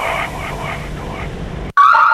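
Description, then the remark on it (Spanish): An Alarmex-monitored home security alarm, triggered in zone 7, blares with a rapid, pulsing warble beneath a noisy wash, then cuts briefly and returns as a louder, piercing electronic whine. “Recibimos activación de la zona 7. ¿Está todo en orden?”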